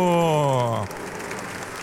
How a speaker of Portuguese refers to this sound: Boa tarde a todos. Uma salva de palmas para a nossa novena da Padroeira do Brasil.